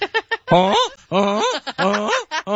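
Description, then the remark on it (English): A person imitates a goose with a series of loud, nasal honks, a few short choppy ones followed by longer, wavering calls, with no other sounds around. “Why do you sound so much like a... Hey, I know geese's.”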